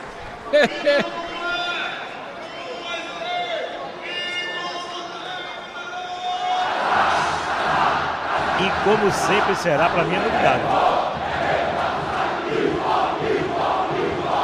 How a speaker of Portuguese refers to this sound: Grito de guerra dado.